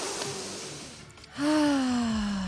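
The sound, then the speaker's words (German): A long, airy deep inhale drawn in by a person doing a breathing exercise, followed immediately by a loud, voiced sigh of release that slowly drops in pitch. “Jetzt atmet mal ihr auch bitte ein.”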